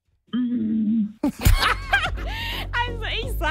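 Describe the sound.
A voice imitates a T-Rex: a low, steady growl, then a sharp breathy burst and a string of loud, warbling roars that rise and fall in pitch, with a laugh-like quality.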